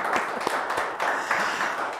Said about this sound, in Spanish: Oye, pues se merece un aplauso, como tenemos público, ¿no?